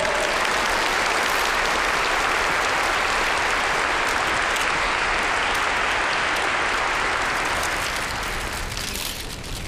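A large audience claps steadily and loudly for nearly ten seconds, a dense, even wash of applause that eases slightly toward the end, as the chairman of Shijie Group is invited on stage to speak. No one speaks over it.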